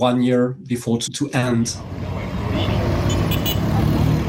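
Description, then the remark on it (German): Steady street traffic on the streets of the provincial capital Bunia rumbles with motor vehicles passing and honking, after a brief stretch of voices at the start; the broad roadway noise carries on loudly to the end. “Auf den Straßen der Provinzhauptstadt Bunia sind viele Menschen verunsichert.”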